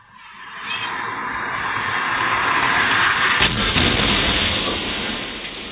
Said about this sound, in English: Crazy how fast that thing is going. The audio, especially when you know the ending, the audio is not the easiest of listens, but it gives you a sense, for those who haven't seen the video, how fast this car was going.